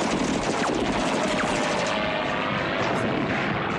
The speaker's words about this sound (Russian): Самолетная пушка вспарывает землю рядом с окопом.